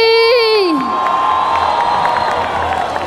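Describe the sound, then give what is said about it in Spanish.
A loud crowd in Cali cheers and applauds for the Inter Pacífico and for children carrying on ancestral tradition and culture, opening with a high, wavering whoop that drops off into a steady, dense roar of clapping and shouting that continues to the end. “Y con este fuerte aplauso y la Inter Pacífico, gracias por tanta alegría.”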